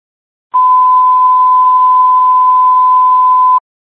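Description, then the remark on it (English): A loud, steady single-pitch radio dispatch alert tone sounds alone for about three seconds, starting and stopping abruptly with no voices around it. “Again, disregard the tone.”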